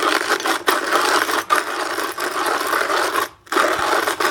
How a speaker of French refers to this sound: Le bruit du moulin à café manuel.